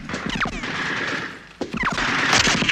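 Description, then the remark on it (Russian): Rapid bursts of machine gun fire from embrasures at fleeing fascist machine gunners in ruins, on the order to fire. A dense clatter of sharp cracks over about three seconds, loud and continuous, with a brief lull midway before the shooting resumes more heavily. “Огонь!”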